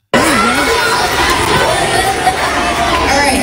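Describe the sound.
A large audience cheers and shouts continuously after a performer imitates a bird call, a dense roar of many voices that stays loud and steady from start to finish, with a few higher yells rising above the din.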